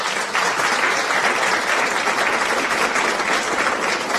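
A crowd applauds the arrival of a winner, a dense wash of many hands clapping at once, loud and sustained from start to finish with no voices standing out.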